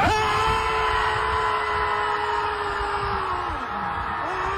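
A crowd of people at a beach screams together in one long, loud sustained yell outdoors, voices blending into a continuous roar that holds steady for several seconds before wavering and trailing off slightly.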